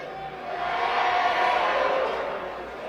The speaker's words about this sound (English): This crowd is lit up.